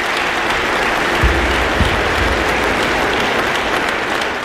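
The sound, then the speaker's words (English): An audience of thousands applauds steadily in a reverberant concert hall after the final notes, cheering the soloist and the ensemble, dense clapping filling the space with a few low thumps, sustained at full volume throughout with no speech. “The final notes shimmer in the hall as the crowd cheers the soloist and the ensemble, thousands of individuals who, for an evening, are united by the experience.”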